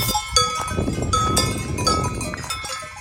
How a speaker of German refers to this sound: Und dann haben wir so Glocken der Kühe so ganz im Hintergrund irgendwo auch gehört. So klang es ungefähr.